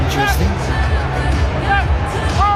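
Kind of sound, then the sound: crowd, stadium crowd booing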